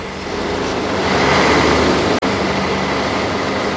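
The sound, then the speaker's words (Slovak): A steady, dense wash of street traffic noise on Botová Street with a low idling engine rumble from a standing train, continuous and fairly loud, briefly cutting out for an instant partway through. “Tu veľký ruch, viete. Sú stoja a vozidla, tá zase vlak stojí”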